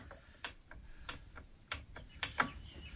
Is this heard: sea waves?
no